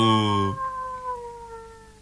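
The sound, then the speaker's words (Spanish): A drawn-out, wavering howl like several wolves, sliding slowly downward in pitch, after a brief low, buzzy vocal tone at the start. “Te va de varios lobos también escuchando la radio, ¿no?”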